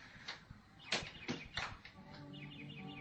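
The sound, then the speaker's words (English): A bird sings softly with thin, wavering notes, preceded by a few sharp knocking clicks. The song is faint, with no voices. “There's no music, only a bird singing.”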